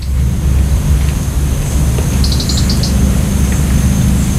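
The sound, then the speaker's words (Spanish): At dawn, faint, quick ticking calls of a European robin in a short burst midway, with thin dawn song of a common blackbird, all over a steady low outdoor rumble. “Está amaneciendo y escuchamos los primeros chasquidos del petirrojo europeo y luego el canto al alba del mirlo común.”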